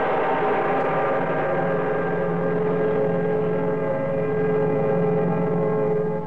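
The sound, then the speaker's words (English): A train runs steadily along the northeastern line, a dense, unbroken mechanical drone with a low rumbling hum and layered whining tones that hold at an even loudness throughout, with no voices. “So the train sped along the northeastern line.”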